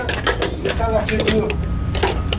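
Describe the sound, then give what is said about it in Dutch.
A fire truck's pump motor starts up in Cournon-Terral, Hérault, southern France, forcefully pumping water from the municipal swimming pool into the truck. A steady low mechanical rumble with repeated metallic clicks and clatter on top and a brief rising whine partway through. “De motor gaat aan. En met een enorme kracht wordt de wagen volgepompt.”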